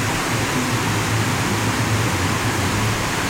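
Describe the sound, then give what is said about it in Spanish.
A heavy downpour in Parate Bueno roars as a dense, steady hiss across the whole clip, with no breaks and a faint low hum beneath it. No one speaks. “Está cayendo el aguacero a la vida.”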